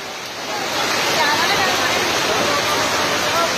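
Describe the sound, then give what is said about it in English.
Steady, loud roar of rushing floodwater from the swollen Kosi River at Ramnagar in Nainital district, risen sharply after relentless rainfall; a dense continuous churning that holds constant throughout with no pauses or distinct splashes. “Dramatic visuals coming in from Ramnagar in Nainital district due to relentless rainfall, water level in the Kosi River have now risen sharply.”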